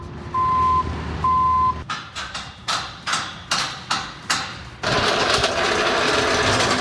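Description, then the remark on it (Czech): Construction noise at the Vesec grounds in Liberec, where a festival park is being built for Benátská s Impulsem: two long reversing beeps over a rumbling engine, then a series of sharp, rhythmic impact bursts, ending in a loud steady grinding roar. “Libereckým areálem Vesec zní zvuky stavby.”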